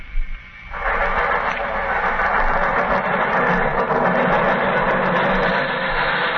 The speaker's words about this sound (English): The underground runs right past here, almost on the level of these windows. I could have reached out and touched it.